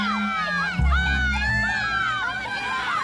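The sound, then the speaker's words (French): Many children on a beach shout and call out together as they run toward the water with arms raised, a lively, overlapping crowd of high voices, continuous, with a brief low thump near the start and no clear speech. “À tout âge, dès qu'ils arrivent sur une plage, ils courent vers l'eau, les bras en l'air, en criant.”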